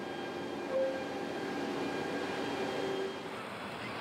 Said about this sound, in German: Heißt, der Zug kann pünktlich abfahren. Er bringt die Container aus Schweden jetzt Richtung Mittel- und Südeuropa.